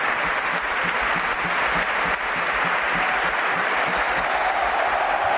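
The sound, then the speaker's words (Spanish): A large crowd at San Mamés stadium applauds steadily as Athletic substitute Ruiz de Galarreta off, a dense, continuous roar of clapping and cheering, loud and sustained for several seconds without pause. “Se marcha a Galaxy, ovación de San Mamés.”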